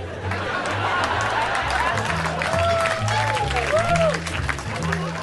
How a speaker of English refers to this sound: Some of those responses, some of those laughs and claps are used for other jokes that didn't work. I will make it seem as though you fuckers laughed at unfunny shit.